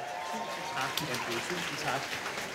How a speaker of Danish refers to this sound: Giv ham en hånd.